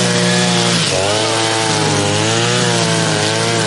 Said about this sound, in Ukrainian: Довкола, попри постійну дронову небезпеку, чутно дзищання бензокіз.